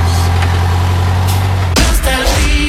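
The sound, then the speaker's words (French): A Yellow bus engine idles with a steady, deep rumble, then a sudden loud hiss of air bursts out and the engine noise shifts for the last second. “vous pouvez conduire ou monter dans un bus Yellow”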